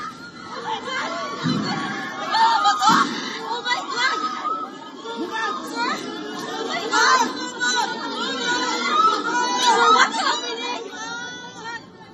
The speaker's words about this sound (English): The people were heard screaming as the commotion ensued.